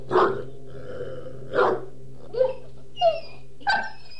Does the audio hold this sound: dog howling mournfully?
yes